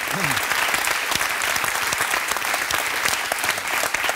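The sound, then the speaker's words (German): Steady, dense applause from an audience, many hands clapping continuously at an even loudness for about four seconds, with no voices standing out. “Okay, und guck mal, dein Applaus.”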